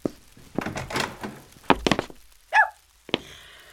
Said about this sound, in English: Open in the name of the king! Oh, no. It's the press gang. I have to open it. I hear you. Don't break my door down.